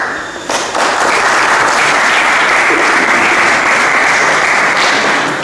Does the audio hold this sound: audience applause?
yes